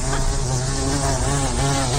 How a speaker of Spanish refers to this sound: Suena a mosca gorda. Pues moscardón, efectivamente.